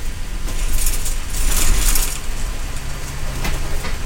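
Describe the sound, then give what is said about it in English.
A Cascades East Transit bus rumbles low and steady, with bright bursts of hissing, like air brakes, as it pulls up and stops at the Three Warriors Market in Simnasho, a scheduled stop at an intersection in a remote corner of a reservation in Central Oregon. No one speaks. “The bus pulls up to the Three Warriors Market in Simnasho, one of the scheduled stops.”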